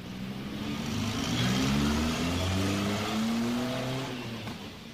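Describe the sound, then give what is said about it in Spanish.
A large bus engine revs and accelerates, its deep droning pitch climbing in steady steps, loud before easing off slightly toward the end. No voices. “Toma el autobús de las 6 y regresa a la ciudad.”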